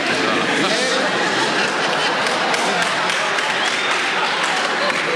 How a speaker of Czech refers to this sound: Ne, dokonce potlesk, ano.